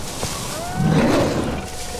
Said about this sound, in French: Oh, j'entends un grognement. Pire, un rugissement.